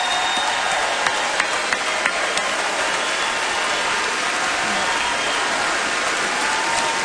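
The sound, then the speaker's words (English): An audience at the Grand Ole Opry applauds active and veteran military members, steadily for several seconds, a dense, even wash of clapping with a few sharper individual claps standing out, and no voices. “If we have any active or veteran military members with us tonight, if y'all are able to stand, we'd love to give you a round of applause and a big thank you for everything you've done for our country.”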